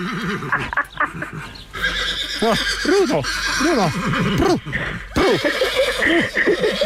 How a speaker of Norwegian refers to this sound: Altså, nå står jeg her med hesten. Hva skal jeg gjøre da?